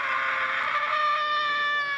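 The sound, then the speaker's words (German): A person screams loudly and continuously for about two seconds to let off steam at a street festival for democracy staged by the Oldenburg State Theatre, a sustained high-pitched cry with a strained, harmonic-rich tone and no pauses or words. “Laut werden für die Demokratie.”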